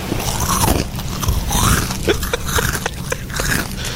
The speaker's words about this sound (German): Gucken Sie zur Seite und sehen, wie sich eine Ziege an ihren Chips vergeht. So passiert an der Cala San Vicens. Das Tier, das spazierte nämlich ganz entspannt durch die Badegäste und hatte es offenbar vor allem auf deren Proviant abgesehen.